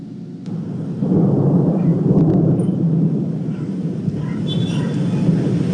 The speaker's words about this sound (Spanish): La tarde y noche de este martes se registró una tormenta eléctrica inusual, la cual duró cerca de 2 horas. Los estruendos se oyeron por toda la ciudad y también las descargas eléctricas aparecían constantemente y con fuerza en Taxco.